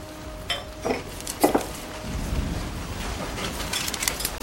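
A few bright clinks of a spoon against cups and dishes ring out in short bursts as tea is made, followed by a steady low rushing background with scattered light taps.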